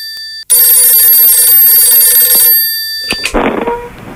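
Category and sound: signal or alarm, telephone ringing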